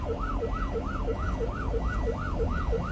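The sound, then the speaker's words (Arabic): An ambulance siren wails in a fast, continuous yelp, rising and falling about three times a second, loud over a steady low engine and traffic rumble as the ambulance tries to get traffic to clear the road, with no voices. “افتحوا الطريق يا شباب، إسعاف إسعاف إسعاف.”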